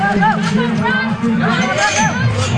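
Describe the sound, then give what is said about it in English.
A crowd in an arena claps and hollers as handlers swing open the gates and animals dash into the arena, with many overlapping raised voices forming a loud, steady roar of cheering and babble that runs without a break for a couple of seconds. “The handlers swing open the gates and the animals dash into the arena as the crowd claps and hollers.”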